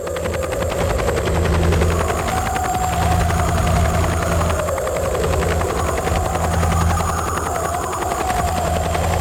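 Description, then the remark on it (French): A Vietnam War helicopter fitted with huge loudspeakers drones steadily overhead over Viet Cong areas, its rotor chop pulsing continuously with a deep engine hum and a shifting whine, loud for the whole stretch, with no voices. “Les bandes de cassettes sont jouées sur des énormes haut-parleurs arrimés aux hélicoptères.”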